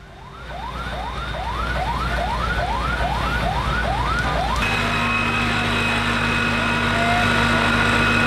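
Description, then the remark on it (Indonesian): A loud fire engine siren whoops in quick, repeated rising sweeps, then switches to a steady blaring tone over a low engine rumble, at a Monday night fire in a residential area on Jalan Kemayoran Gempol, Kebon Kosong, Kemayoran, Central Jakarta, Indonesia, where 33 fire engines and 100 firefighters were deployed. “Sebanyak 33 unit pemadam kebakaran dan 100 petugas dikerahkan ke lokasi untuk memadamkan api.”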